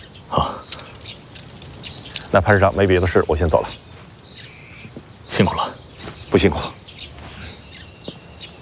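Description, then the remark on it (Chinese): A bunch of house keys jangles in several short metallic bursts as they are handed over to a division commander for a residence in Wuhan, with a brief stretch of voice in the middle and quieter rustling between the shakes. “您和家人随时可以入住，这是钥匙，您拿好。”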